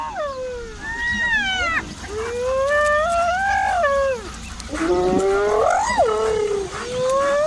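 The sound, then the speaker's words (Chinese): Several spotted hyenas make excited calls, loud rising and falling whoops with a whining, wavering tone that overlap one another almost without pause. No one speaks. The hyenas are signalling to each other, excited at having found something while searching for food by smell. “斑鬣狗的这种叫声是在传递信号，它们通过灵敏的嗅觉寻找食物，这激动的叫声表明它们有所发现。”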